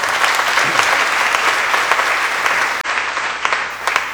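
An audience at a church Mass applauds steadily for a young girl who read the reading, a dense wash of many hands clapping at once, sustained and fairly loud for several seconds with no voices over it.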